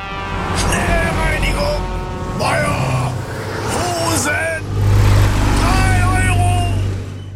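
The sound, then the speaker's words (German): Heavy trucks rumble past one after another, their low engine drone swelling loudest toward the end, while the truck drivers call out over the traffic noise. “die dann nach einer Woche üben, dem Timo hintereinander entgegenfahren und im richtigen Moment ihren Part rufen”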